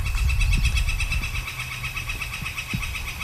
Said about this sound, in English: So that's northern flicker calling there.